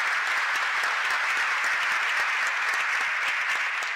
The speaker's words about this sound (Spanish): Gracias, gracias, gracias a todos, gracias al coro que lo hizo muy lindo, un aplauso para el coro.